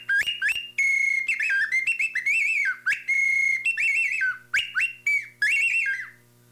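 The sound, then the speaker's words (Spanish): A bird whistle offered for sale trills and warbles in quick bursts, with steady high notes alternating with rapid fluttering chirps, loud and unbroken by speech for several seconds, imitating birdsong. “A ver, los pajaritos que también están muy bellos.”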